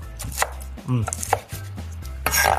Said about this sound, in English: We're gonna set our skillet to a medium heat, and while that's heating up, I'm gonna start to chop up the bacon. And this is the hardest part of the recipe, because you're gonna wanna start eating it.